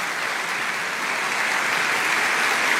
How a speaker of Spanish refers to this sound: Dale un aplauso a Dios.